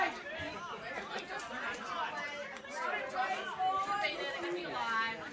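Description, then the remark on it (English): A dense, steady roar of many voices from the Diamond Creek home crowd at a football match against Banyule, overlapping chatter and shouts swelling slightly at times, with no single speaker standing out. “The home crowd's starting to get loud.”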